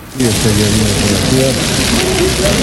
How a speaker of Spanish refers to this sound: si podemos poner cómo suena la lluvia en el Parque Calderón.